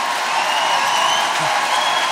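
Sustained applause from a large concert audience at the Zénith de Lille, a dense, steady wash of clapping with no gaps, fairly loud and unbroken for the whole stretch, with no voices standing out.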